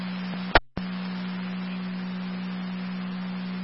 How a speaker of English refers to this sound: Repeating to Rapid, second set of tones for EMT.